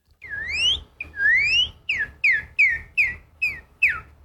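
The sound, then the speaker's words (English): A person from Oklahoma whistles an imitation of the song of a Northern Cardinal, the most common bird heard around their home: two long, rising slurred notes followed by six quick, clear downward-sweeping chirps in a steady rhythm, loud and with no talking. “And so what's the most common bird you hear around you? The Northern Cardinal.”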